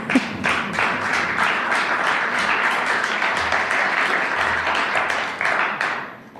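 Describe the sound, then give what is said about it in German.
A crowd applauds steadily for several seconds, dense clapping from many hands at an even, fairly loud level before tapering slightly at the end. “Es darf jederzeit übrigens geklatscht werden.”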